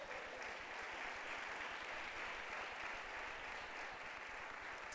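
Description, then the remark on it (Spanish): An audience at a Christian service applauds the word of the Lord steadily for several seconds, a dense wash of many hands clapping at an even, sustained level with no voices standing out. “¿Cuántos le dan un aplauso a la palabra del Señor?”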